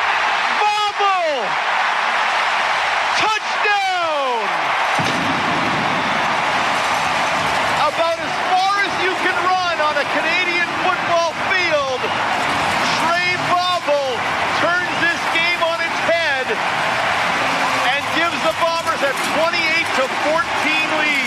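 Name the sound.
stadium crowd roaring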